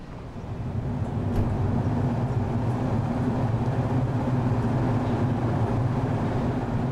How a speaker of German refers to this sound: Ich glaube, als dann so der Zug weit gefahren ist, war es dann doch kurz, dass man so Tränen in den Augen hatte.